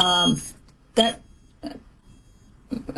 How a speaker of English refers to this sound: I think there's a alarm going off somewhere.